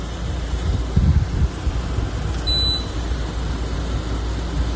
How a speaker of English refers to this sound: This is the air conditioner in my bedroom. Now, I have a mini split system, so I can keep it quiet if I want to, but this is like an old school window air conditioner, and I love it because it just drowns out everything else.